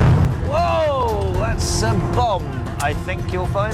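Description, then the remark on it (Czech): A reenacted attack on a historic Ottoman train in Jordan, staged regularly for tourist groups and recorded by a BBC team: loud, wavering shouts and cries from several men over a constant rumbling roar, with sharp bangs and bursts of noise breaking through at intervals. “Na to jsou náležitě hrdí v Jordánsku, kde útoky na historický osmanský vlak pravidelně rekonstruují pro skupiny turistů. Jak reálně to zní, před časem zachytil například tým britské televize BBC.”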